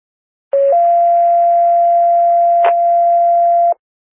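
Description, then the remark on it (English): Fire dispatch pager alert tones over a radio, the second set of tones paging Raymond Fire and Rescue to a possible 2 to 3 vehicle accident northbound on 94 near 326: a brief low tone steps up to one long, steady, loud tone lasting about three seconds, with static hiss and a short crackle partway through. “Attention Raymond Fire and Rescue, this is the second set of tones for the call.”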